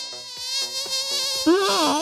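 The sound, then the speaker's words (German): A persistent mosquito whine buzzes steadily with a dense stack of harmonics, wavering slightly in pitch and growing a bit louder and rougher near the end, with no voices. “Mücken gewöhnen sich an Mückensprays.”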